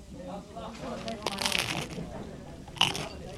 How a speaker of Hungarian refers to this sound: Ilyen hangot ad ki a kotyogós kávéfőző.